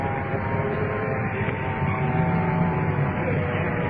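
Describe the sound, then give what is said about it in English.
A uniformed police car pulls up to assist at a crash scene, its engine a steady, fairly loud rumble with a low droning hum running throughout. There's no siren and no talking. “Uniform car coming in to assist.”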